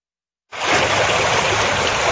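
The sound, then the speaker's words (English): After a brief silence, a loud, steady roar of knee-high floodwater rushing across the fairway at the Bluffs Golf Club just outside Port Stanley, Ontario, starts abruptly and continues without pause, with no voices. The flood follows a storm that dropped over 200 millimeters of rain in under 2 hours. “Water rushes through the fairway at the Bluffs Golf Club just outside Port Stanley.”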